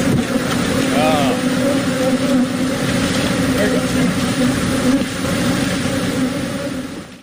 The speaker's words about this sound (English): Millions of bees escaped from a semi that overturned in Texas. I would like to now play you the sound of what it sounded like outside of that truck.